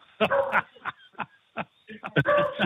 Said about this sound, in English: See, every time somebody comes to the door, she barks her head off. That's a beagle.